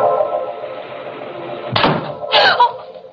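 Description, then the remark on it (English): A closet door opens with a sharp wooden thunk followed by a second scraping, rattling burst, set over a steady low tonal drone that runs throughout. “The closet door was open.”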